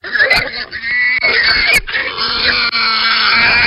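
Piglets being caught squeal continuously in loud, high-pitched, overlapping cries, broken by rougher grunting bursts, with brief dips in the commotion before it surges again.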